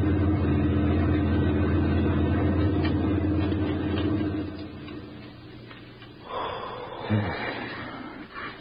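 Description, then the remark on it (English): A heavy German army lorry rumbles past on a highway, its deep engine drone loud for several seconds before fading away, followed by soft rustling and a couple of sharp breaths. “A German army lorry rumbled by while we squatted behind the hedgerow and held our breath.”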